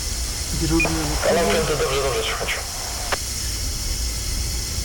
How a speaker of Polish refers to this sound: teraz drzwi się w wagonach uruchomiły, sobie teraz będę robił próbę hamulca.